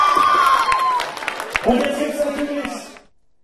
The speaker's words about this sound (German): Wunderbar! Gut. Wunderbar! Dieser Applaus!